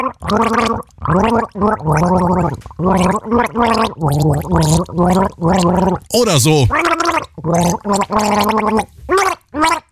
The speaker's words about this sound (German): Das Ziel, mit einem Schluck Wasser im Mund ein Lied gurgeln, das das restliche Team dann errät. Das kann dann etwa so klingen.